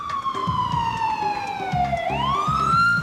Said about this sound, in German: Ein Krankenwagen in Little Pud? Wer? Warum? Wohin?